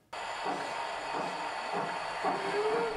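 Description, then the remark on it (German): A 1:32-scale model railway train runs steadily along its track on a 600-square-metre layout in a basement, with a continuous rolling whir and hiss, faint periodic clacks over rail joints, and a rising tonal whine near the end. “Hier fahren alle Züge noch pünktlich und es gibt kaum ein Problem, das Männer nicht lösen könnten.”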